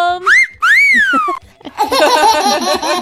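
A person whistles two sliding notes, the second a long rise-and-fall glide, then a burst of laughter and lively voices follows.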